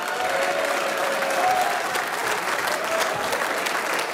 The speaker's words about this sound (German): Applaus für unsere Guttauer Stummhocker.